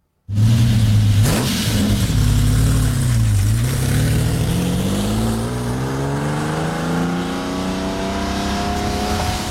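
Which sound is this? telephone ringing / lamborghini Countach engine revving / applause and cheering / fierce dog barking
lamborghini Countach engine revving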